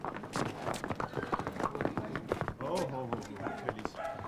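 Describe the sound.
Young horses' hooves clip-clop in a busy, uneven patter of sharp knocks, with several animals stepping at once, while voices talk over the steady clatter.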